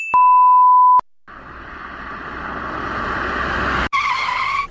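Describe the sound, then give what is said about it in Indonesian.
A sustained steady car horn blast is followed by a long, loud screech of tires skidding that swells in intensity as a car nearly hits a motorcycle riding against traffic, then another horn honk cuts in. No voices. “hampir kita menabrak. Iya Bella, gara-gara itu motor. Sudah lawan arus, balap, gak pakai helm lagi”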